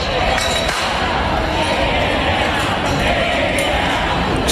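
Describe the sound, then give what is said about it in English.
A large outdoor crowd outside the Kennedy Center in Washington, D.C. chants "Take It Down" together loudly and continuously, many voices merging into a dense, steady roar with a faint rhythmic push, without pause. “Of Take It Down from crowds forming outside the Kennedy Center in Washington, D.C.”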